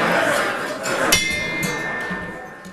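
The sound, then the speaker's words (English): A gong is struck once to open a program at the City Club of Cleveland, and its bright, shimmering metallic tone rings on steadily after the hit. A low, noisy murmur continues underneath throughout. “But I do the gong first.”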